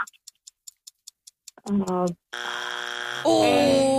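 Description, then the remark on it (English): A rapid run of sharp timer ticks leads into a short tonal chime, then a loud, sustained, harsh game-show buzzer blares for almost two seconds, rising in pitch near the end. “That's our buzzer.”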